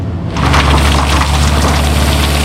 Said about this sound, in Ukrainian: Божена – це машина розмінування з ударним або фрезерувальним робочим органом. В екіпажі дві людини – оператор та помічник.